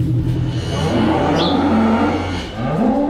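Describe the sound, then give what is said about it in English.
Cows moo in long, low, drawn-out calls that overlap and fill the space, with one rising bellow near the end. Loud, with no one talking. The cows are in a pregnancy paddock with frost on the grass, being checked for any that have calved overnight. “We're in the pregnancy paddock checking whether any of the cows have calved overnight.”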